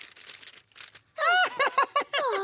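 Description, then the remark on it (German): Soft crinkling and rustling of a sheet of paper being folded into a paper airplane, in several short bursts, followed by louder wavering, tonal vocal sounds that dominate the second half. “Ich würde es falten. Und zwar hier, hier, hier, hier, hier und hier.”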